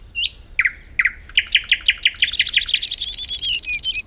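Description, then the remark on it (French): Songbirds chirping, a quick series of bright, high tweets that speed into a rapid trill, with a thin whistled note layered on top and no talking. “Maintenant, tous les oiseaux du quartier viennent manger dans la maison en carton”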